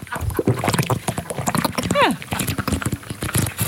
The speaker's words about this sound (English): But apparently I'm quite a, which is ironic really, a loud drinker.